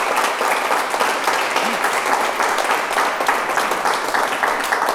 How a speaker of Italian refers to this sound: E facciamo un applauso